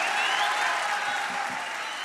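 Steady applause from an audience, a dense wash of many hands clapping at an even, sustained loudness for about two seconds, with faint crowd murmur underneath.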